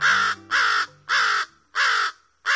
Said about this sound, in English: The harsh caws of American crows are one of the most familiar bird calls in North America.